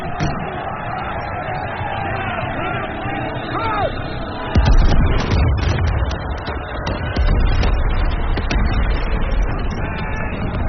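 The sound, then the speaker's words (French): Heavy booms of cannon fire at the Battle of Borodino on 7 September 1812, between the Grande Armée and the Russian army, erupt midway and again a few seconds later, rumbling low beneath a dense, continuous din of shouting soldiers and clamor. “Au matin du 7 septembre 1812, les canons tonnent et le ciel s'embrase.”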